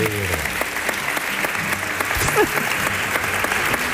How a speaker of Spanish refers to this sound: Un aplauso para Pepe Zapata.